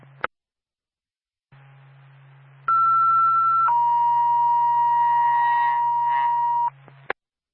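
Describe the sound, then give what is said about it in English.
An ambulance dispatch alert tone paging Twin State 2 and Bethlehem Ambulance: a loud, steady higher tone for about a second drops to a longer, lower held tone, over a low radio hum, with clicks at start and end. “Stand by for Tone.”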